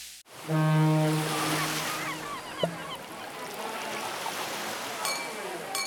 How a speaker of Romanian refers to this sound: Știm că ți-e deja dor de mare. Ți-am pregătit toate sunetele pe care le iubești. Vaiurile spărgându-se de țărm, terasele pline de oameni.